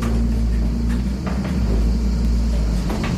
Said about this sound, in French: Donc ça, c'est voilà, le moulin se met un peu à tourner, on l'entend. Voilà. Dans le frottement des meules aussi.